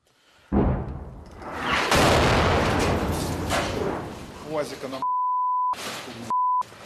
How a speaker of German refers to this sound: Das hört sich nicht an wie ein RPG. Ja, es ist zu laut. Vielleicht ein Panzer.